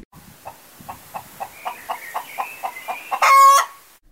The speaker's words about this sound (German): Oh, ein Huhn. Komm her, Hühnchen.